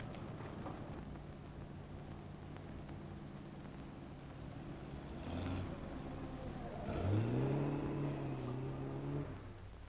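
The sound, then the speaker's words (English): A car engine hums steadily, then swells louder as the car passes, its pitch rising with a brief rev before settling into a sustained drone. No one speaks. “That looks like Linda's car.”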